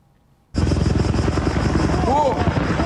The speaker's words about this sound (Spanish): es el momento en el que chocan en el aire dos helicópteros antiincendios en Grecia y dos muertos y dos heridos participaban en la extinción de un fuego al oeste de Atenas.